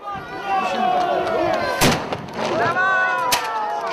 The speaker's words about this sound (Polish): I też w tym roku zamiast moździerza, tak jak co roku mieliśmy, mamy nowy nabytek, mosiężna mała armatka, więc będzie pewna nowość, która potężnie huczy i mamy nadzieję, że jeszcze lepiej wesprze naszą obronę niż moździerz.